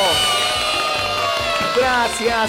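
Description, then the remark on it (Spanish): A crowd cheers loudly and steadily in applause for the people of Bermejillo, with many overlapping shouting voices, some high-pitched like children's, over a dense wash of clapping that carries on for a few seconds without a break. “Ingeniero, fuerte el aplauso para la gente de Bermejillo.”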